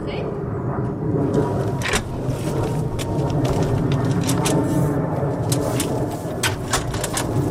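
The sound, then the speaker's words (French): A steady, loud roar of an airplane passing overhead fills the whole recording, a broad rumbling drone that barely changes, with faint voices and small clicks scattered over it. “Et évidemment, pile à ce moment-là, un avion qui passe.”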